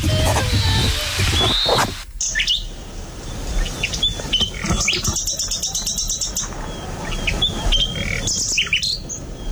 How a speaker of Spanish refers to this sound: Es un ruiseñor. Esto es un ruiseñor.